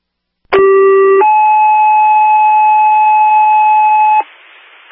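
A loud two-part electronic alert tone: a short steady pitch, then a longer higher tone held for about three seconds over a background hiss, like a radio dispatch signal. No one speaks.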